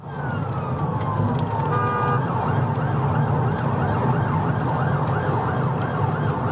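A police siren wails in steady, repeating rising-and-falling sweeps, heard from inside the police vehicle's cab on the M40 motorway over a constant low engine rumble, with no voices, as a van driver ahead fails to move out of the way.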